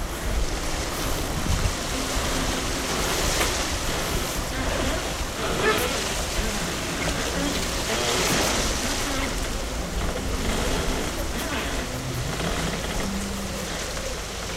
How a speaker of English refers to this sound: The boat picked up speed, and then the sea got a bit choppy, and the motion of the ocean made her slide just a bit closer to me.